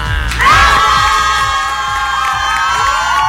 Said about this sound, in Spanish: Un aplauso a todos mis amigos, maestras y maestros. ¡Qué bárbaro!